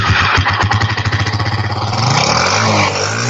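A motorcycle engine sputters to life with a quick run of chugging pulses, then settles into a steady, throaty idle, loud with no voices.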